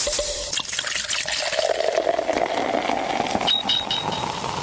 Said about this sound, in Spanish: Voy a hacer un brindis con mis amigos periodistas. Voy a servirme un traguito.